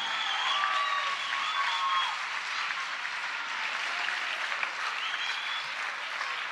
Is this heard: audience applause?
yes